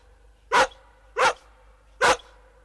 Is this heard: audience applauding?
no